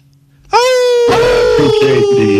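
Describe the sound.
A radio show caller from Virginia lets out a loud, sustained wolf-like howl after a brief quiet moment, one long wavering vocal wail that holds a steady high pitch and slowly drifts lower.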